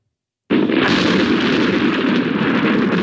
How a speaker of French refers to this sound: Et qu'on a beaucoup entendu cette nuit. La foudre est indissociable des orages.